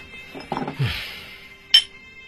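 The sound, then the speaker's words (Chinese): Glasses clink together once in a toast, a bright, ringing tap that follows a few soft clattering knocks of tableware. No one speaks. “好，祝你成功，干杯。”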